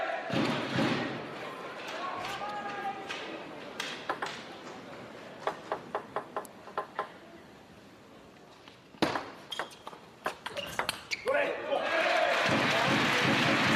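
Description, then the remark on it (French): A crowd breaks into steady applause, which fades into a rally of crisp table tennis ball pings, then swells into loud clapping and cheering again at the end. “Le public apprécie.”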